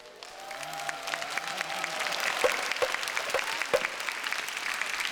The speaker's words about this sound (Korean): 얼씨구야 박수 간다.